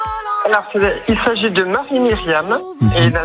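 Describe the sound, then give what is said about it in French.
A snippet of a French pop song that won Eurovision in 1977: a sung vocal carried over steady backing, loud, with flowing melodic phrases and brief pauses between lines. “Tout à l'heure j'avais passé une musique, alors quelle était cette musique? On va la réécouter.”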